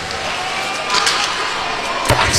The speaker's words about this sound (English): Slammed in from center, high off the end glass.